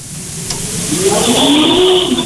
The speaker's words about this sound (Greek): Πού είναι αυτό, ράλι, περνάει. Μηχανάκι.